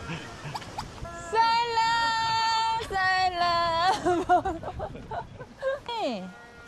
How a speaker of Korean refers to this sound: 음메, 와, 와, 소가 많네요.